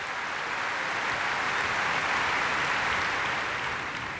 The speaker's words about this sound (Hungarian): Most még a közönség felé fordult, de azért elmondja, hogy kik is ezek a tehetséges emberek, a BBC szimfonikus zenekara. És most fel is állt a zenekar, és őket tapsolja ez a lelkes közönség.